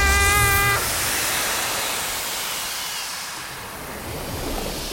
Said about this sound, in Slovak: Ako sa máš, more? Šumí. Na čo šumíš? Šumieť sa musí. Stále sa musí. Šumí.